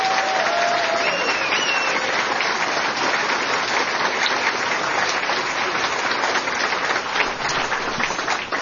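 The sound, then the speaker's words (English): A crowd applauds April Fournier steadily, a dense wash of many hands clapping at a loud, even level throughout, with a couple of brief whistles near the start. “And so another round of applause for April Fournier.”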